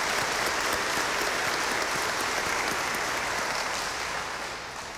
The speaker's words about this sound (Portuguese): Somando todos e todas, chegamos ao número de 94 ministros da Eucaristia em nossa paróquia. Uma salva de palmas aos ministros.